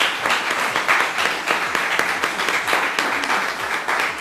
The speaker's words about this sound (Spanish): Pues que se escuche fuerte el aplauso para el doctor.